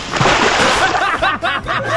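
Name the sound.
water splash sound effect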